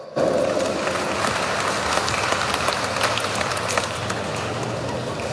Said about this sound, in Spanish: Vamos a recibirlo con un fuerte voto de aplausos.